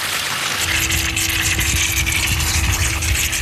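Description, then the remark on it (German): Water gushes out of an opened hydrant in a steady, loud hissing spray, with a continuous low rumble underneath and a faint tonal hum running throughout; no voices. “In der Mitte auf, jetzt spritzt das Wasser raus hier.”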